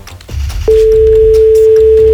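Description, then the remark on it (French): A phone line rings out on an outgoing call: one steady, mid-pitched electronic tone starts abruptly and holds unbroken for about a second and a half over a low background rumble. “On appelle chez Magali pour commencer la journée, pour commencer la semaine.”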